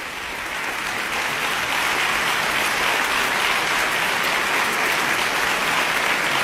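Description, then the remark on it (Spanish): A large concert audience at a Xalapa Symphony Orchestra concert, in the concert hall of the Centro Cultural Tlacná, applauds Maestra Bartal steadily, a dense, sustained wash of many hands clapping that swells quickly at the start and stays loud and even throughout, with no voices. “Justísimos los aplausos, obviamente.”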